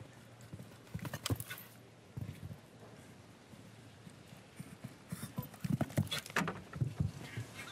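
A horse's hooves clip-clop across soft arena footing on a show-jumping course during a competition, in a steady, moderately loud rhythm, with brief pauses and faint background noise, no one speaking.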